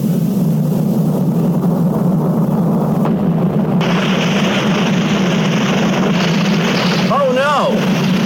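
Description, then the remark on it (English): Water gushes loudly and steadily from a burst pipe, a dense rushing hiss over a deep rumbling drone that grows brighter partway through, with a brief voice-like cry near the end. “That water pipe burst. Water is pouring out all over the place.”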